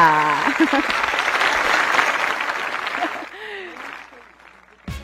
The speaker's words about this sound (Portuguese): Vamos receber ela então com aquela calorosa salva de palmas, minha gente?